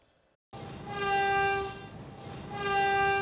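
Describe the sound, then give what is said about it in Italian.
Two long, loud blasts of a train whistle at Bologna railway station, Italy, during a commemoration with a minute of silence, steady tones that swell, ease off and return over a low rumbling background, with no one talking. “I fischi del treno, il minuto di silenzio, la commozione delle tantissime persone giunte nel piazzale della stazione di Bologna.”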